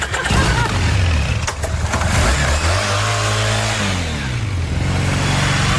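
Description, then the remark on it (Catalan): A motorcycle engine revs loudly, its pitch climbing and dropping through a couple of throttle bursts before settling into a steady roar, with no voices. “Déjame subir en la moto.”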